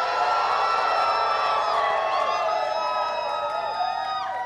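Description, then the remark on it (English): On a count of three, a crowd screams and cheers loudly all at once to vote for a contestant after the judges' verdict. A sustained wall of high-pitched shouting with overlapping voices holds steady for several seconds before tapering slightly. “So on the count of three, scream your lungs out.”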